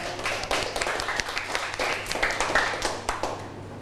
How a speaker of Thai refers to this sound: เดี๋ยวเริ่มจากกลุ่มที่2ก่อนนะคะก่อนอื่นปรบมือเพื่อนหน่อยเร็ว